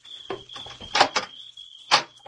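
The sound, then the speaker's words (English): A house door handle rattles with a few quick clicks and clunks, then the unlocked door swings open with a louder thump, over a steady, thin high-pitched drone like crickets. “Try the door.”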